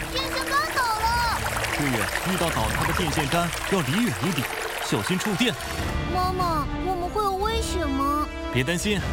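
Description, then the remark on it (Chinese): Floodwater pours and rushes outside during a flood that has submerged the road, in a steady, loud wash that runs the whole time, while a child and an adult talk over it. “妈妈，外面怎么都是水？ 不好了，外面发洪水了，快把电闸拉了，路被淹，出不去了。”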